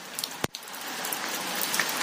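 Rain patters steadily on a tin roof, a dense, even hiss with faint scattered drops and one sharp, loud tap partway through. No one speaks.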